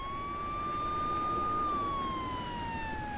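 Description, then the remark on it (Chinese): A police siren wails steadily from police cars surrounding the door of a small house, its tone rising slightly and then sliding downward, loud over a low rumble of background noise, with no voices. “左边三辆警车包围着王炫炫的小屋门口，然后是两辆黑色的面包车，那是武警支援的车，中间停了一辆深色轿车，那是局长的车，右边重叠停着三辆警用面包车”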